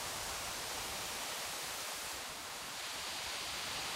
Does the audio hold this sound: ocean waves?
yes